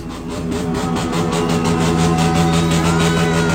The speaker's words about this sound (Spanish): Es el ruido de moto. El ruido de la moto. Es el corte de la moto, sí. Acelerando en vacío.